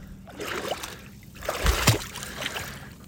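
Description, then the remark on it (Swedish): Water sloshes and splashes in a few irregular bursts, loudest near the middle, as a person wades in step by step for a morning swim at the mouth of the Dalälven river, where it flows into the Bothnian Sea, just after 4 a.m. There is no talking. “Vid Dalälvsmynningen, precis där Dalälven rinner ut i bottenhavet. Och jag ska ta ett morgonbad.”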